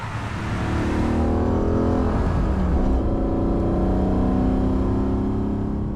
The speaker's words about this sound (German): Mercedes 300 SEL AMG, genannt die Rote Sau. Über 420 PS, fast 7 Liter Hubraum, über 260 Stundenkilometer schnell. Ganz schön viel Power für ein Auto aus den 70er Jahren.